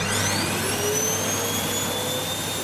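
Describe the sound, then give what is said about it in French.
A vacuum cleaner runs steadily and loudly, a constant rushing roar with a high motor whine on top, without any voices. “La réponse, c'est aspirateur. Ah, mais oui, l'aspirateur.”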